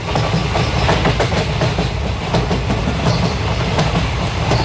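A train rumbles steadily along the rails, its wheels clattering in a continuous clickety-clack, loud, with a deep low rumble underneath and no voices.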